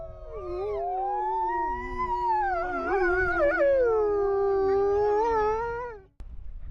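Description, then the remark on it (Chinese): Several wolves howl together in a sustained chorus, long wavering tones rising and falling and overlapping at different pitches, loud and continuous for about six seconds before cutting off abruptly. “我觉得他是我的孩子，我是这些狼的爸爸。”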